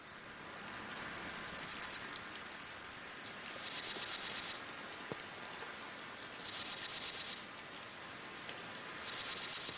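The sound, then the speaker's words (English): Scientists' reconstructed chirps of insects from a Middle Jurassic forest, about 165 million years ago, made from insect fossils, current insect vocalizations and AI: bursts of rapid, high-pitched trilling, about a second each, repeating every few seconds over a steady hiss, with a fainter thin whistle-like tone between bursts. “You're listening to the reconstructed chirps and cheeps of some of the ancient insects you might hear in a Jurassic forest.”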